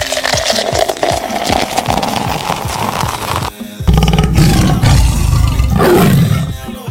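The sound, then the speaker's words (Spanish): A loud tiger roar sound effect rumbles for several seconds, breaks off briefly, then returns even stronger as a deep, growling second roar. No one speaks. “Tony el Tigre va para ti.”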